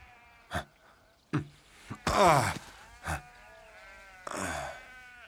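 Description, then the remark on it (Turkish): Several sheep bleat, with a long wavering cry in the middle and another drawn-out bleat near the end, separated by short sharp calls and brief gaps. “Koyunların arasında İskoçya'da mıyız?”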